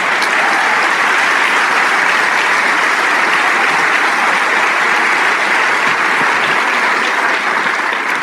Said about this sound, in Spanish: Amén. Si ese aplauso es para el Rey de Reyes.